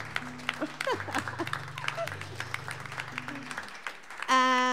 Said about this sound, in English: So, you guys, how about one more round of applause for the neighbors or the neighbor?